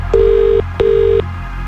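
Two steady, low-pitched telephone tones, each about half a second long, sound with a short gap between them as a call is placed, clear over a faint background hum.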